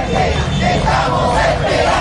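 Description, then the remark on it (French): In Caracas, a crowd of about a hundred demonstrators demanding the return of Maria Corina Machado shouts chants in unison, a loud, sustained mass of voices rising and falling in rhythmic waves with no single speaker standing out. “Une petite centaine de personnes étaient au rendez-vous hier pour réclamer haut et fort le retour de la très populaire Maria Corina Machado.”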